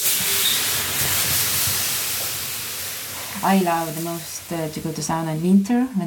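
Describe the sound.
Water hits hot sauna stones with a loud, steady hiss of steam that slowly fades over a few seconds. A voice then begins speaking over the softening sizzle.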